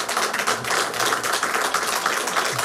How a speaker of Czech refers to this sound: Já dostávám papír, ano, ať to zazvučí i pro rozhlasové mikrofony.